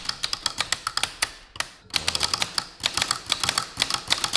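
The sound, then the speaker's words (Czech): Rapid, irregular clacking of a mechanical typewriter, keys striking in quick bursts with a brief pause midway, crisp with no voices. “Historický zvuk, který už se nám ze světa málem ztratil, tak to je unikát.”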